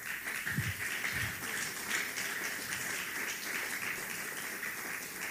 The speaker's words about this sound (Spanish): Dele palmas al Señor.